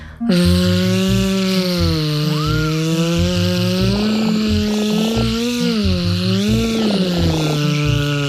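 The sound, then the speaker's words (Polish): In a speech exercise, a voice imitates a buzzing wasp with the teeth together, the tongue pulled back and air breathed out continuously. It makes one long, steady, low rasping drone that lasts the whole time, its pitch wavering slightly up and down, loud and without pauses or speech. “Teraz zróbmy takie ćwiczenie, gdy będziemy naśladować inne zwierzę niż konik, to znaczy osę.”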